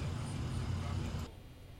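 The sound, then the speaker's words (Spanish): A steady low rumble of congested road traffic in the northern zone, where an ambulance cannot get through, engines droning like heavy vehicles crawling in a jam, fairly loud, then cutting off abruptly to a quieter hum near the end. “Pero atascado el tráfico, es allá en la zona norte, obviamente, pero no alcanzo a identificar específicamente en si es ahí en el cruce”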